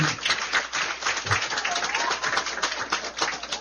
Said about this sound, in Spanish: Vamos a dar un aplauso a Pepe de la Rosa.